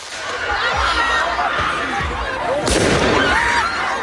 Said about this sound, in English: You can just hear what seems to be fireworks going off there.